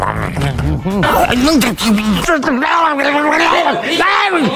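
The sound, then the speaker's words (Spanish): A voice imitates vultures on a roadside tearing at a carcass such as a dog, making loud, warbling guttural noises with swooping pitch that run nearly continuously for several seconds. “¿Nunca en la carretera has visto sopilotes comiéndose algún perro o algo? Sí, sí, tristemente sí. Es haciendo ese ruido.”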